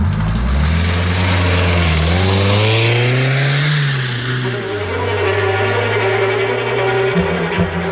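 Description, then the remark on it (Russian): A car engine revs and pulls away after a barrier is opened, its pitch rising through the gears as it accelerates, loud, with a steady droning hum continuing to the end. “Шлагбаум открыли. Трогай.”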